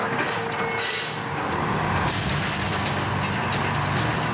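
A 240-horsepower tow vehicle labors under strain pulling a 40-ton truck back onto the road by chain, a continuous loud diesel rumble with hissing, steady, with a brief air-brake-like burst partway through.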